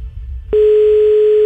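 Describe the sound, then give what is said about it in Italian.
After a brief low rumble, a loud, steady electronic telephone ringing tone starts abruptly and holds as one unbroken beep until the end, with no one answering or speaking. “Puttana, non risponde.”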